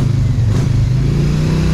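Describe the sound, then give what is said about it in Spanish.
A loud motorcycle engine rumbles steadily with a slight rising rev, a continuous throaty drone filling the short moment with no voices. “¿Se va en moto, Mano de Piedra?”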